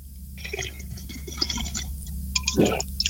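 Noisy slurping of an iced coffee frappuccino through a straw: sputtering, gurgling pulls for about three seconds, ending in a louder bubbly draw near the bottom of the cup. No one speaks.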